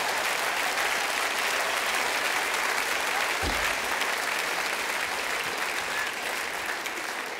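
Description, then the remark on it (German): Steady audience applause fills the whole stretch, a dense even wash of many hands clapping at moderate volume, with a single low thump partway through and no talking. “Ja, klatsch ruhig, da kann ich auch sein, ne?”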